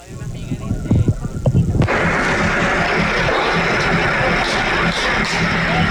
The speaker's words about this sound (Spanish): Ahí los que están escuchando, se escuchan los balazos. Una carretera y empiezan gente corriendo.